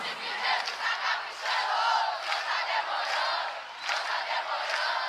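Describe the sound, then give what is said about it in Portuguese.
A large crowd in Brazil sings together in a loud, continuous swell of voices, with scattered clapping along blended into the roar throughout. “só ouvir o coral mais bonito do Brasil. E não tá demorando. Não tá demorando. Vai nas palmas.”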